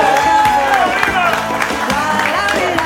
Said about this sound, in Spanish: adelante, un aplauso para él, la magia.